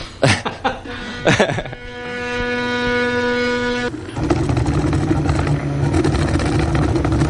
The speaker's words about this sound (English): This is sort of a do-it-yourself 3D printer, but I assume that there are much bigger 3D printers if you're in the commercial end of this sort of an operation.